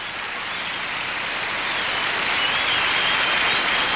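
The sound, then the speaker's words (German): Dense, steady applause from a large crowd fills the whole stretch, a continuous hiss of many clapping hands that sounds much like heavy rain falling, with no voices standing out. “Klingt ein bisschen wie Regen, ist aber Applaus.”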